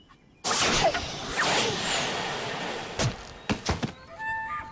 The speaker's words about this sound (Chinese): 曹操说完，直接拿过了汉献帝手中的弓箭，抬手便射。